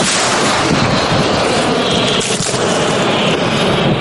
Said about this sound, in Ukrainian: П'ять снарядів по мінометному розрахунку росіян на Куп'янському напрямку. 4 точно в ціль. Так працює розрахунок гаубиці Д-30.